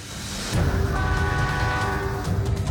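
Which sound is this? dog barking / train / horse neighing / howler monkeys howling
train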